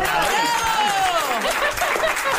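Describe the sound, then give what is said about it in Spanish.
A crowd claps and cheers steadily for a couple of seconds, a dense, loud wash of hands mixed with voices whooping and laughing. “Pues una aplauso.”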